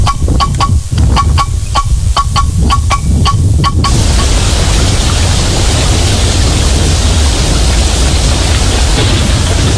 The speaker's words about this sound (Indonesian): Seberapa hari ini hujan deras terus nih? Takut ada banjir, bencana.